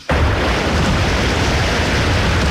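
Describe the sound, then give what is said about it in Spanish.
A loud, continuous roar of huge ocean waves, 10 to 11 metres high, crashing amid strong wind and rain at Wellington, New Zealand, cuts in abruptly and stays dense and powerful throughout, with no voices. “Están a 8.000 kilómetros de Filipinas y allá están enfrentando lo que llaman ellos océanos monstruosos que se escuchan así.”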